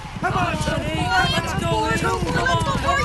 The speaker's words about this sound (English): If it's excitement you're after, you'll find plenty of it at Hiawatha Horse Park. Every Saturday night, catch the best in live harness racing.